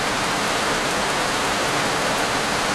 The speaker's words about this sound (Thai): เฮ้ยสวยจริงๆฝนก็มาตกอีกอ่ะ โอ้ยไม่น่าเลยอ่ะอันนี้